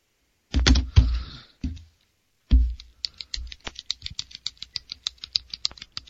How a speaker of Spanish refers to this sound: Te estoy escuchando lo que siempre haces con el bolígrafo.